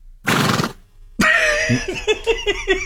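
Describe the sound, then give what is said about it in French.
A short breathy burst, a pause, then a voice doing a shrill, wavering horse whinny with rapid falling pitch pulses, fairly loud. “Ok, le cheval.”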